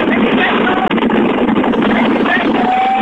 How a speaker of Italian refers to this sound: Lo senti il vento? Lo senti il vento della tangenziale?